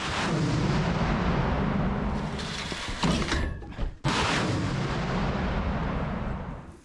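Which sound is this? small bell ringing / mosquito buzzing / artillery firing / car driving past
artillery firing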